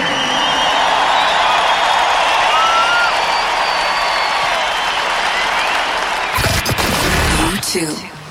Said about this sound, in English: Live from Cape Town on 94.5 KFM. Let's clap it up.